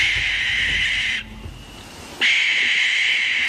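A barn owl gives two long, harsh, hissing screeches, loud, separated by a brief pause of about a second, with no voices.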